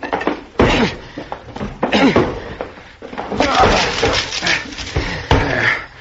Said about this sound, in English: The door to the room where he had all of this electrical equipment was locked, and we had to break it down. The door's locked, son. I'll have to break it in. Here, Dad, let me help.